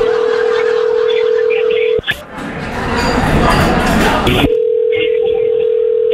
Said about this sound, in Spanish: Vamos a marcarle otra vez, ¿ok?